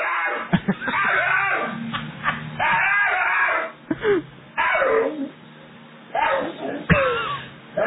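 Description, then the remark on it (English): An excited rescue dog on a porch in Texas whines and howls in long, wavering, high-pitched cries that rise and bend, broken by a few sharp yelps and brief pauses, as it greets its owner coming home from work. No one talks. “I've never heard a dog make that noise before.”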